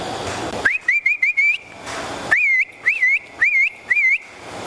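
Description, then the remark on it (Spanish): A herding whistle used to line up cattle, as when fetching milking cows to the corral: two bursts of short, rising-and-falling whistled notes, several quick chirps each, loud with no one talking. “O sea, para que se ahilaran las bestias, sí.”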